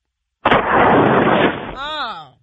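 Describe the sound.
A caller from Dallas blows hard into a phone for a mock blood alcohol test, making a harsh, roaring gust of breath noise that lasts over a second, then trails into a short, wavering voiced sound before fading out.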